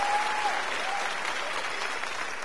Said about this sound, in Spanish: salvas de palmas para vocês. Lindo, lindo, lindo.